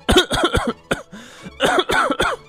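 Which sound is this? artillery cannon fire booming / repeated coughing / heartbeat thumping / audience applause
repeated coughing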